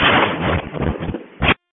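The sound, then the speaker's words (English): Fireworks crackle and pop through a narrow, radio-like channel, a dense stream of noisy bursts ending with one sharper bang before cutting to silence. “431 area, it's confirmed fireworks.”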